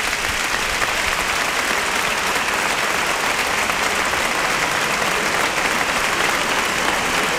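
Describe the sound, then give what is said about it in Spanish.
A large crowd in a bullring applauds loudly and steadily for the whole stretch, a dense, sustained ovation of many hands clapping for a bullfighter's dedication (brindis) at a festival, with no voices standing out. “Gran ovación a ese brindis.”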